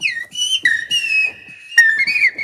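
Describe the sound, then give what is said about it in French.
A human whistle imitates the song of a blackbird in fluid, warbling phrases: short bright notes, a long sustained tone that slides and wavers, then a rising flourish. Clear and fairly loud. “Le merle noir.”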